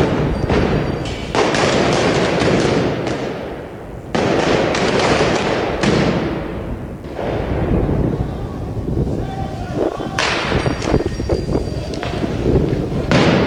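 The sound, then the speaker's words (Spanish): Firecracker and dynamite blasts go off one after another at a protest where demonstrators clash with police near the state vice-presidency, four loud, sharp detonations a few seconds apart, each trailing into a rumbling echo over a steady background din. “Los disturbios comenzaron cerca a las 14 horas en inmediaciones de la vicepresidencia del estado, donde los movilizados se enfrentaron con la policía en medio de detonaciones de petardos y dinamitas.”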